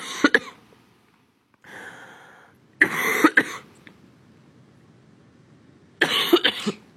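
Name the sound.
coughing fit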